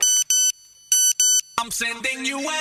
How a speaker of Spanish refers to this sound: Quen non tivo un teléfono Nokia? Quen non sentiu a maravillosa emoción de escoitar o seu sonido de notificación? A ver, quen nos tiña mandado un SMS?